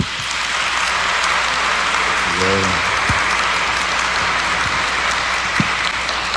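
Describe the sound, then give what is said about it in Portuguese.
An audience applauds steadily in a large reverberant church, giving a round of applause to the parish priest during a patron-saint novena, dense clapping filling the space for several seconds, with a brief low murmur of a voice partway through. “Vamos dar uma salva de palmas ao nosso pároco, né?”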